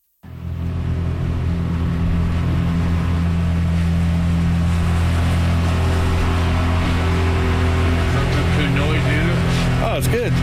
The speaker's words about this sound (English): This is a 24-foot pontoon boat. Yeah. Sweet. It's a very smooth ride.